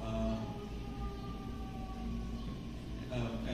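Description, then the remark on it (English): A siren wails steadily throughout, its long tone gliding slowly in pitch over a continuous low rumble of background noise. “A lot of birds, a lot of sirens.”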